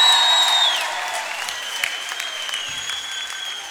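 Loud, sustained applause from a crowd, a dense wash of clapping that starts strong and eases slightly, with a few thin whistles and cheers riding above it; no talking.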